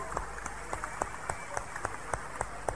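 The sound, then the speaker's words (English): A group claps for Jesus together in a steady, even rhythm, roughly three or four sharp claps per second, with a soft background hum and no talking. “Clap for Jesus.”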